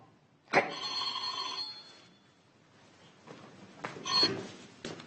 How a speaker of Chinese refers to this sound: 接电话。